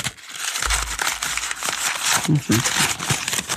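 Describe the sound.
A sheet of paper is crumpled into a ball and unfolded again, with dense, crackling rustles that continue for several seconds. A brief faint voice may sound partway through.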